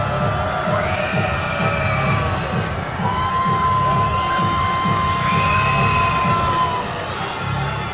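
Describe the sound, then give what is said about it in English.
A baseball crowd cheers for left-handed hitter Jacob Kozar in a loud, steady roar that holds for the whole stretch, with high-pitched shouts and drawn-out whoops rising above the dense wash of voices. “The crowd trying to bring some luck to Jacob Kozar.”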